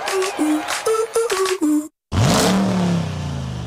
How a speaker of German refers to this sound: Sound ist zurück. Der neue 2026er Dodge Ram V8